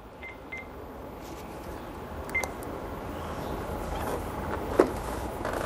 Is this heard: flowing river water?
no